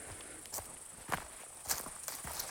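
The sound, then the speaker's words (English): A steady, continuous drone of insects, like grasshoppers or cicadas in chorus, holds throughout, while a few close footsteps crunch at an uneven pace in the foreground. “I'm getting near the summit now and started to hear this swell of, I don't know if they're grasshoppers or another kind of insect that makes that kind of low humming chorus that you hear throughout the summer.”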